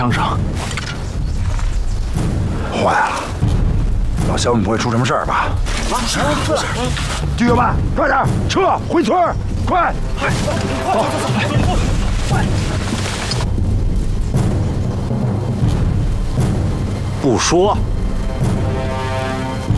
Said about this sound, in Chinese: 班长，大雨村那儿有枪声。坏了，老肖们不会出什么事儿吧？